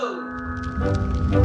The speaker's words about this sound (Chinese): 锣声响起，这是开窑的仪式感。